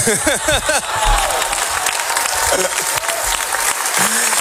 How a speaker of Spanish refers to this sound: El director Sorogoyen agradeció en francés la ovación y también en español.